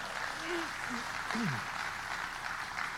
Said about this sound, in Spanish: ¿Cuánto le dan las palmas a Él, hermano? Gloria a Dios. Dele palmas a Él.